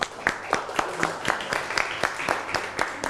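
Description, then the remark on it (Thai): Clapping hands in a steady rhythm of roughly a dozen sharp claps, moderately loud, with light background murmur but no clear talk, as children applaud themselves during an art lesson. “ปรบมือให้ตัวเองหน่อย”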